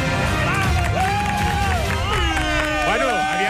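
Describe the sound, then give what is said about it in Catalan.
A large crowd applauding, with steady clapping mixed into a loud, continuous hubbub of cheering voices and rising and falling shouts throughout. “Estem aplaudint molt bé per dir alguna cosa, sí, perquè al final no ha sigut excel·lent.”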